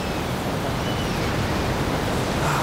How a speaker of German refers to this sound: Das Meeresrauschen, Sand unter den Füßen und in irgendwelchen Ritzen, wo ihr den Sand eigentlich nicht haben wollt.